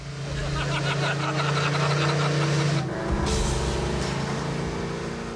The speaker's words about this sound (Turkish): 7.2 litrelik 500 beygirlik V8 motoru var sonuçta. İçi Mopar dolu.